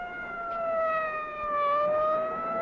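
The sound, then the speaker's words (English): A fire engine siren wails steadily and loudly, its long tone dipping slightly and rising again over a low background rumble, with no voices. “Follow the fire engine.”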